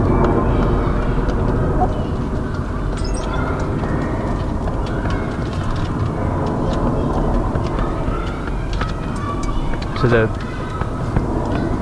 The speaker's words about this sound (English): was on the flight path to Heathrow International. So at certain times of day there's dense overflight of planes.